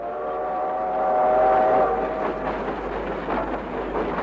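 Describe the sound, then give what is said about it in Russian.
A train horn sounds a single drawn-out, steady tone for a couple of seconds, then fades into the rumbling clatter of rail cars rolling past. No one speaks. “Протяжный гудок поезда заставил всех замолчать.”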